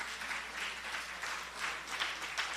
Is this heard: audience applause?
yes